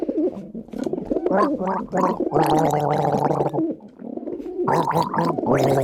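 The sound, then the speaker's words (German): Someone gargles water, a loud, wet, bubbling throat sound that runs almost continuously for several seconds, with a few brief pauses and shifts in pitch. “Selbstverständlich, hier sind die Vogel und du darfst gurgeln.”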